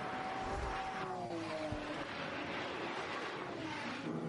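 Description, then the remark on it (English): A damaged race car limps back to the pit lane, its engine a steady, loud rasping roar with thin whining tones that slowly slide downward in pitch. No voices are heard. “You heard the noises coming from that car as he limped it back to the pit lane.”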